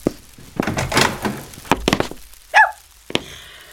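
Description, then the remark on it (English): Wooden clunks and thumps of a boarding house door being handled and pulled open, with a brief creaking squeak near the end, fairly loud, no voices. “I have to open it. I hear you. Don't break my door down.”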